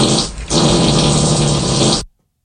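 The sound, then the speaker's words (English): A loud, wet, sputtering fart sound effect runs for about two seconds, with a brief stutter near the start before a long buzzy blast that stops abruptly. No one speaks. “Yeah, I'd like to fart on Claudia.”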